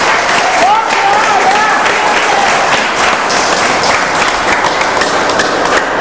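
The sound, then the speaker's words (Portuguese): A church audience claps steadily and loudly for several seconds in praise of God after a testimony, a dense, sustained wash of applause, with a brief voice calling out over it near the start. “Oh, glórias e glórias a Deus, aplaudam ao Senhor, meus irmãos.”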